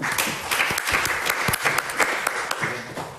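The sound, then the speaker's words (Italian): Sustained applause from an audience, a dense crackle of many hands clapping at once, fairly loud, continuing steadily without any talking, as Giulio Pastorella, senator Lorenzo Basso and senator Luigi Nave are called to the table. “Grazie, un applauso.”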